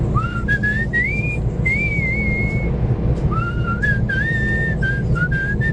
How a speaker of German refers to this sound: ist bestens gelaunt und pfeift fröhlich vor sich hin. Im Gegensatz zu mir kann er pfeifen. Er pfeift ein Lied. Ich habe das Gefühl, ich kenne es, ich komme nicht drauf.